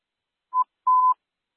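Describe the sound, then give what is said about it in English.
Radio dispatch test tones sent for Station 4: a short steady beep, then a longer one at the same mid pitch, both clean and fairly loud with silence around them. “Can you send us test tones, please?”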